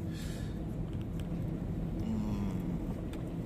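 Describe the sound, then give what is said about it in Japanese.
Steady low rumble of a car driving, heard from inside, with the engine note climbing partway through as it picks up speed on the way to Sennichi. Fairly quiet and continuous, no voices. “千日に行きましょうってなってから車速が上がりましたね。”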